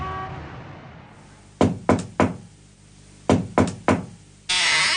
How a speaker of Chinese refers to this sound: 随着一阵敲门声，房门打开了，从屋子里露出的是一张苍白的脸。